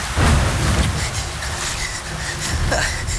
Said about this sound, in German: Himmel, das Gewitter muss jetzt genau über mir sein. Das ist ja lebensgefährlich.